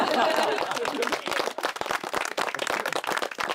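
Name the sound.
applause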